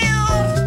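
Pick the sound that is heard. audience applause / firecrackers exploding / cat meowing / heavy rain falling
cat meowing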